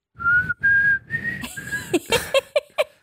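A person whistles along to a song, a steady melody in long sustained notes over quiet background music, then switches to short, bouncy whistled notes toward the end.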